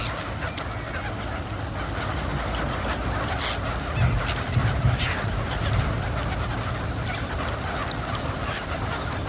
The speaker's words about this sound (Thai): แหล่งน้ำที่ปลอดภัยและใสสะอาดเป็นที่ต้องการของบรรดานกเป็ดน้ำเมื่อถึงฤดูหนาวนกเป็ดน้ำนับแสนตัวจึงบินมายังบึงบอระเพ็ดเพื่ออาศัยอยู่ร่วมกับเป็ดคับแคที่รออยู่ในฐานะนกประจำถิ่น